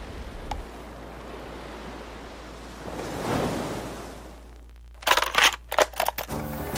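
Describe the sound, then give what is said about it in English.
Ocean waves wash in a steady hiss that swells to a soft surge and recedes, then a burst of sharp, crisp clicks and snips takes over at the end. “Whenever I'm in stressful situations or places I don't want to be, I can literally turn to the sound of the waves and feel that place of calm and peace and really where I want to be.”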